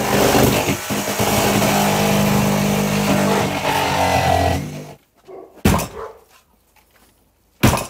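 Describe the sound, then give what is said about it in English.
A police officer's ripsaw rips loudly and steadily down the middle of the plastic front door of a terraced house for about five seconds with a droning motor whine, then cuts out, followed by a couple of sharp, isolated thuds. “Until an officer takes a ripsaw and buries it into the plastic front door, cutting it directly down the middle.”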